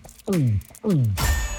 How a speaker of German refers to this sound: Trinkpause. Der Gong. Hydration Break.